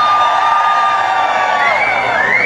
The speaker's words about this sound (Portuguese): Hoje eu quero ouvir o grito só das mulheres. Mulheres!